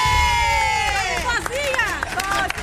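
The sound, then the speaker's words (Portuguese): A loud crowd of fans shouts and cheers together, chanting for Cabo Verde, voices rising and falling in sustained, overlapping yells with no pause across the short burst. “Então, bem baixinho, mentira, vamos gritar.”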